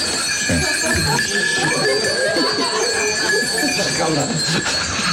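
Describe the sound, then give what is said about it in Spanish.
A goat bleats in loud, wavering, quivering cries that run for several seconds, over a steady bright background tone and some low rumbling noise. “Perdone, su señoría, adujo el defensor, pero es que la cabra no sabe hablar inglés.”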